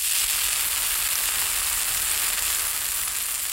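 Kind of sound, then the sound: food or drink, bratwurst sausages sizzling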